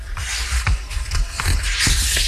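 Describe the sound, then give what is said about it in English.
Papery rustling and shuffling with several soft crisp swishes and light thumps, like pages of a book being turned, fairly loud and steady with no voices. “That is theoretically turning the page in a book.”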